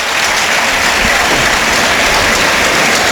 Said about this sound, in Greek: Και πάλι ο κόσμος του Παναθηναϊκού το χειροκροτεί.